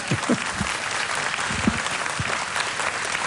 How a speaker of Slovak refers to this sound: To bolo na potlesk veľký, takže ja nebudem teraz vyvolávať, zatlieskajte ešte raz